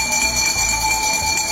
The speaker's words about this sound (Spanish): Por ejemplo, yo quiero proponer el sonido del camión de la basura o las campanas de la basura. ¿Qué pasa cuando escuchas este sonido?